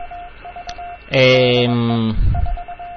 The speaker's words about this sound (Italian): però qui il codice morte, il codice morse è sempre uguale, e questo in realtà è un radiofaro.